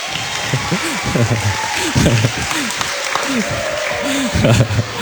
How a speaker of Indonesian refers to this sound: Tepuk tangan dong, yang meriah dong. Ini orang tua kalian.